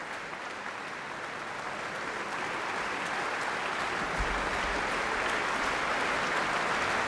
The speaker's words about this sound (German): Das Orchester steht noch und nimmt den Applaus entgegen.